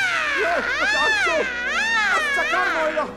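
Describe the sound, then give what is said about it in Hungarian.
A person's voice yowls like an angry cat, loud, in three drawn-out, wavering wails that rise and fall in pitch without pause. “Mit csinálsz, …? Mint egy dühös macska.”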